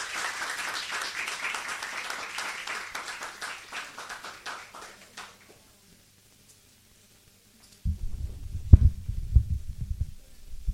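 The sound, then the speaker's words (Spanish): An audience claps steadily for several seconds, the dense applause thinning and fading into silence, followed by a stretch of low, muffled thumping. “Un aplauso nuevamente”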